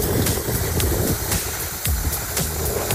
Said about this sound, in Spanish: Bueno, contexto, Río Huasco, pasando bastante agua, para que escuchen.